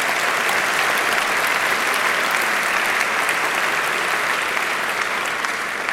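Sustained applause from a large audience, honouring the 4,601 musicians from 75 nations who have entered a music competition over 20 years, fills the whole stretch, a dense, steady wash of clapping that stays loud and even throughout without any voices standing out.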